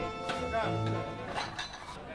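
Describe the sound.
A ladle knocks against a bowl as thick sauce is slapped down onto soft tofu, a few close, quick clinks and wet thuds, with a voice running underneath.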